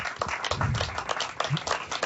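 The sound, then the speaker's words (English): A crowd claps steadily together to give praise to Jesus during worship, a dense wash of many hands at an even volume with no pauses, and no one is speaking over it. “Clap for Jesus right now. Give him some praise today.”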